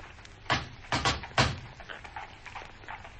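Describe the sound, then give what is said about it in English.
A door being tried: three loud, rattling thuds land in quick succession, followed by quieter shuffling and faint handling noises. “Now we'll try the door.”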